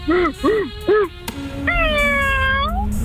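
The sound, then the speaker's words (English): A cat meows: three short, rising-and-falling meows in quick succession, then a longer, drawn-out meow, all fairly loud over a faint background hum. “I think that was a meow.”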